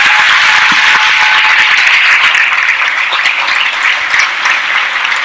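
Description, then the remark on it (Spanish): Loud, sustained applause from a crowd giving a big hand to the Lord, a dense wash of many hands clapping steadily for over five seconds with no voices standing out. “Alguien déle un fuerte aplauso al Señor.”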